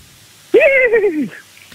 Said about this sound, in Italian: Allora facci sentire il cavallo, perché hai scelto il cavallo.